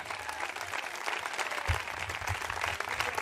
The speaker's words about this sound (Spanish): Si ese aplauso es para Él, déselo con todo el corazón.